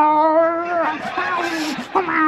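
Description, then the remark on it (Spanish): A voice imitates an angry, rabid cat under a bed, one that was bitten by a dog: a long, strained yowl followed by harsh, sputtering hisses and snarls, loud, about two seconds. “Dice, no, debajo de la cama no, que hay el gato que la mordió el perro y también está rabioso.”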